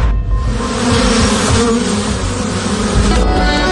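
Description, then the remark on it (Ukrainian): A dense, continuous buzzing of many honeybees swarming, loud and steady throughout with no pauses and no voices. “Дуже багато бджіл за цю зиму пропало.”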